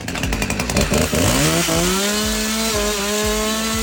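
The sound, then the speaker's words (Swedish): A chainsaw runs loudly, first sputtering and revving unevenly, then settling into a steady high-pitched whine with rhythmic throttle pulses, held by Kristdemokraterna's top candidate Carl Victor Svensson in Högsby, Sweden, celebrating the party's election success. No one speaks. “Carl Victor Svensson är toppnamnet i Högsby och med motorsåg i hand firar han framgångarna.”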